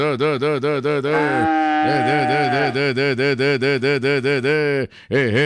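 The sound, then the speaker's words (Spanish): Cattle low loudly, a long, strained moo breaking into rapid pulsing bellows that run almost continuously before a brief pause and another call, as cows with a calf are milked by hand on a farm. “Donde esté el ternerito ahí jalando teta, eso.”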